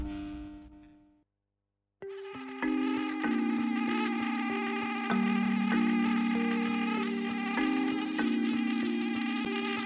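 A mosquito's thin, persistent buzz whines somewhere in a room, its pitch wavering slightly as it hovers. It stops for a second near the start, then drones on steadily to the end.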